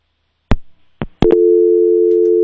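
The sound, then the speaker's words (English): A few sharp clicks on a telephone line, like a receiver being handled, then a steady, unbroken mid-pitched busy tone on the Hanson Tire Service Party Line call-in show, holding at an even level to the end. No one speaks. “Well, I guess they dialed the wrong number. Didn't want to talk.”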